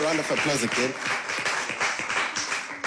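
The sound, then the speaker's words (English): A crowd applauds steadily, a dense wash of many hands clapping at once, with voices calling and cheering over it, loudest near the start. “Can we give them a round of applause again?”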